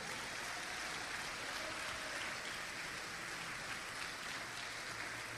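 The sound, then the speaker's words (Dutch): A church audience applauds its leaders steadily for several seconds, many hands clapping together into a dense, even wash of sound with no voices over it. “Maar laten we ze waarderen. Geef ze een goed applaus.”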